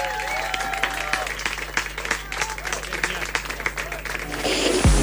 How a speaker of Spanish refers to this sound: aplauso